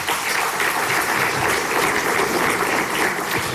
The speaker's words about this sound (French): Merci, mesdames et messieurs les ministres, pour votre présence. On peut les applaudir également.